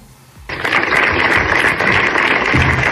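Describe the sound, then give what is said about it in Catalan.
Sustained applause from dozens of local residents at a rally in the Plaça de la Vila in Torelló, called by the town council to reject a stabbing, breaks out after a brief quiet moment, a dense, steady patter of many hands clapping at once, loud and continuous until the end. “I aquests són els aplaudiments de desenes de veïns del municipi.”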